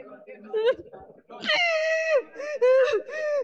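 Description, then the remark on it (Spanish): A person screams and wails loudly during a deliverance at the Pentecostal church La Cosecha in Olmos: a short broken cry, then long, high, strained wails that waver and break off and resume several times. “Sale gritando.”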